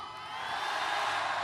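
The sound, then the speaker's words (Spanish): A live concert audience cheers and applauds at the performer's request in a dense, continuous wash of noise that swells slightly over a second and a half. “Toda mi gente grita y aplaudice, ¿no?”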